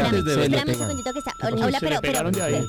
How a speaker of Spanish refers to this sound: Pero suéltelo un ya poquito. Suéltele ese timbre, se hombre. Le pega. Me lo van a quemar un día de esto, sola, no friegue.